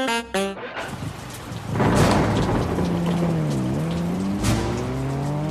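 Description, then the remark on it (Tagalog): Heavy rain pours in a steady, dense hiss that swells after a couple of seconds, while a passing car's engine hums and bends in pitch beneath it; a few short tones sound at the very start. “Pagalan ang takbo kapag bumuhos na ang ulan.”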